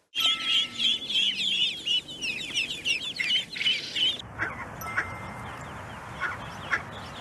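Rapid, high-pitched peeping from ducklings, many short repeated calls overlapping for about four seconds, then fainter scattered peeps over a soft background hiss.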